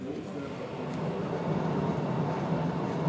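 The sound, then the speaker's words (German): The Postojna Cave tourist train in Slovenia rumbles steadily along its track underground, a continuous roar with rattling wheels echoing in the cave, and faint voices murmuring underneath. The 3.7-kilometre line is the world's longest underground tourist railway. “Die Höhlenbahn von Postojna ist mit 3,7 Kilometern die längste unterirdische Touristenbahn der Welt.”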